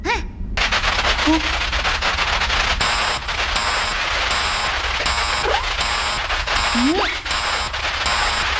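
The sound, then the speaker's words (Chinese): A dense, crackling barrage of synthesized firecracker pops runs continuously and loudly, with regular pulsing bursts joining partway through and brief murmured vocal sounds underneath. A spaceship's alarm system mistakes this synthesized sound for a chaotic sound storm. “飞船的警报系统被鞭炮声吵坏了？ 不是，是杠铃合成的这段声音被警报系统判断成了乱音风暴。”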